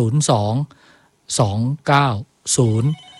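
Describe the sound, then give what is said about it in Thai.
A telephone rings in four loud bursts separated by short pauses, each ring starting with a sharp attack and a bright warbling tone: an incoming listener call to a health phone-in programme with a doctor. “ผู้ฟังโทรมาแล้วนะครับโทรจากไหนครับ”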